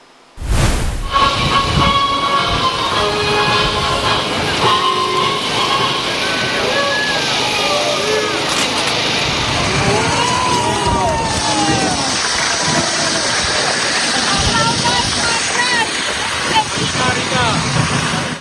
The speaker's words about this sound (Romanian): Dar, în mijlocul atmosferei de sărbătoare de pe faleza cazinoului din Constanța, s-au putut auzi și huiduieli, pentru că astfel a fost primit premierul interimar Ilie Bolojan de unii dintre spectatori înainte de discurs.